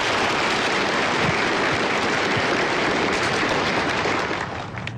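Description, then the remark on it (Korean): Loud, dense applause from a crowd as the third-place cold tea (naengcha) in a tasting evaluation is announced, a steady crackling wash of many hands clapping at once, holding strong for about four seconds before starting to thin out at the end. “박수로 경계합시다.”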